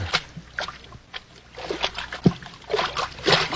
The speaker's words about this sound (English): Hey, we're in water over our ankles.